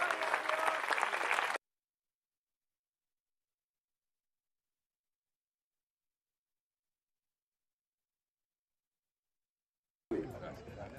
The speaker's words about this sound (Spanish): Y la iglesia del Señor dice, dele fuerte, pero fuerte aplauso al Señor.